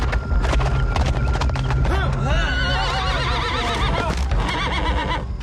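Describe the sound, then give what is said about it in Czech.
A horse whinnies loudly in a long, wavering neigh while hooves clip-clop steadily throughout, busy, with a rough, noisy background underneath. “Tiše ho strhněte z koně a smažte ho.”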